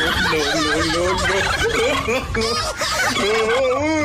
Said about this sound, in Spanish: ahorita que escuché eso del guajolote